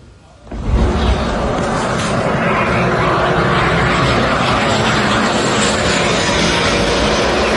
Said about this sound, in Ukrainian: І ви цей звук, напевне, не раз чули. Так працює китайський турбореактивний двигун. Швидкість шалена – до 600 км на годину. Це означає, 10 км Герань-5 долає за одну хвилину.